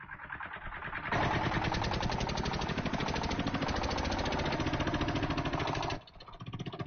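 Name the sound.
tractor engine running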